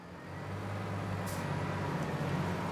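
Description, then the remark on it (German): A heavy diesel tractor engine labors under load, trying and failing to pull a wagon stuck fast in a maize field, with a deep, steady, throbbing drone, fairly loud, with a brief hiss partway through and no voices. “Der Trecker schafft es nicht.”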